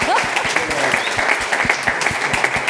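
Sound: audience applause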